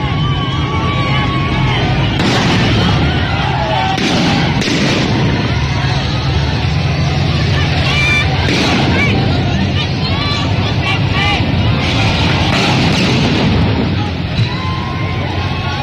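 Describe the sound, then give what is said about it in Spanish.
Loud firecrackers burst repeatedly and irregularly over a dense, roaring crowd at a street protest outside Estadio Azteca in the Santa Úrsula area of Mexico City, some blasts sharp, others echoing, with shouting voices throughout. “Ya llegó la manifestación del Estadio Azteca, están aventando petardos y mamada y media.”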